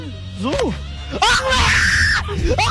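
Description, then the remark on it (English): In a video, a man lets out a loud, strained scream lasting about a second, close to the camera, surrounded by other excited vocal sounds and rising and falling cries. “That's the idiot guy screaming, I think.”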